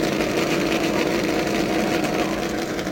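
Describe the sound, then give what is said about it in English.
A race car engine at the Indianapolis Motor Speedway roars as the car pulls out on a restart under yellow, a steady, loud, rumbling drone that holds an even pitch and volume throughout, with no voices over it. “As the race car pulls out, remember that these laps under yellow will count.”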